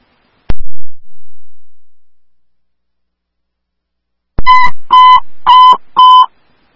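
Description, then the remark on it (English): A sharp click rings out, then after a pause come four loud, short bursts of a steady, buzzy mid-pitched dispatch paging tone in quick succession, sent for the wrong address, with no voices. “Those tones were for the wrong address, but I do need an ambulance at 1100 Bailey Road for an officer eval, emergent.”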